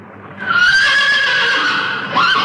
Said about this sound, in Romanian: O, calule, de ce te-ai speriat?